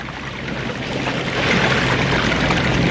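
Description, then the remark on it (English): Steady, loud rushing and splashing of river water as people wade through it, swelling a little stronger halfway through. No voices are heard. “I sink in deep waters. The billows go over my head.”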